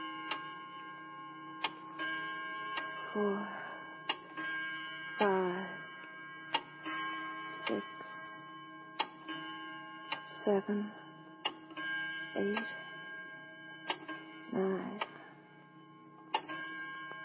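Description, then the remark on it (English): A clock ticks steadily, about once a second, while it strikes the hour with resonant chimes ringing out every few seconds over a low, constant hum. “I suggest Jean be permitted to forget about big business while we all concentrate on the clock, Mr.”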